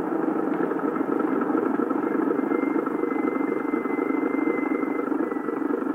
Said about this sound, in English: Oh, where is our car? Look, there, Papa. The car is coming.